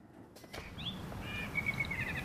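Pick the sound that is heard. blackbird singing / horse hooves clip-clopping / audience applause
blackbird singing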